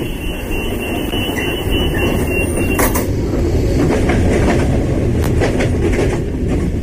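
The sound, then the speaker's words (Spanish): A passenger train rumbles steadily along the rails, its wheels clattering in irregular bursts over a dense low roar. The sound is loud, with no voices. “Ahora mismo, mientras escuchamos la radio, hay miles de personas viajando en trenes.”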